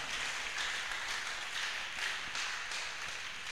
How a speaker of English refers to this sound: Give yourself a round of applause one more time.